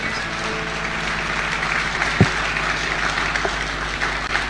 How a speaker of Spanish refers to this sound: ¿Qué les parece si le damos un aplauso al Señor por todo lo que Él ha hecho y por todo lo que Él hará? Gracias, Dios.